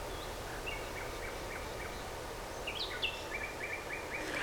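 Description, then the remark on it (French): Birds chirp outdoors in short repeated calls and brief trills against a steady background hum, the chirps fairly clear, with a brighter burst of calls near the end. “Des oiseaux.”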